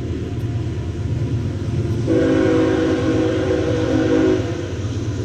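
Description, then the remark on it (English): A train passing outside NBT Bank Stadium during a baseball game rumbles steadily, and partway through its whistle blows one long, sustained, fairly loud blast that holds for a couple of seconds before stopping, with the rumble continuing underneath. “Planes and trains and some automobiles outside here at NBT Bank Stadium.”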